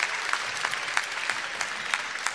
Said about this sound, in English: Ah, fantastic. Give us a little big burst. Big burst of applause.